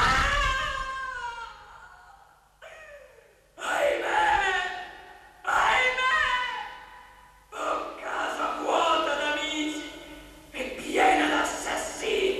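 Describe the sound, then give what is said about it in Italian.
Anguished human screams and wails from inside a palace rise and fall in about six long, strained bursts, each loud and harsh with a sweeping, cracking pitch, separated by brief gasping pauses. “Qualcuno grida nella reggia.”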